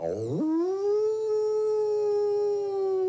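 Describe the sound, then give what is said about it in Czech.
A single wolf howl rises quickly, then holds a long, steady, mournful note for about three seconds. No voices are heard. “Tu se k němu přitovarišil veliký šedivý vlk a lichotil se k němu jako pes.”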